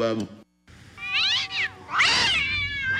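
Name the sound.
cats meowing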